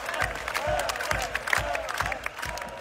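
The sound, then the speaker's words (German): A large concert crowd cheers and chants a fan's name in unison after he is brought up on stage, voices blending into a loud, steady roar over regular low thumps that keep a quick, even beat, like stomping in time. “und das Publikum ruft seinen Namen.”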